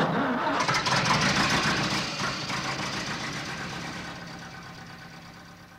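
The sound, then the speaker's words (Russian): A motor engine, started for a drive to Shchigry, cranks and starts, settling into a rough, rattling idle with a steady mid-pitched drone that slowly fades over several seconds. “Ну, а теперь заводи свой мотор, свезешь товарища Сизова в Щегры и сразу же гони в расположение своей армии к Станкевичу.”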